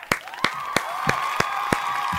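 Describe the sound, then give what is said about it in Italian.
A steady run of about seven sharp, evenly spaced claps over a continuous wash of cheering voices, fairly loud, like a short applause sound effect. “No, no, devi mettere il suono, no, sei pigro.”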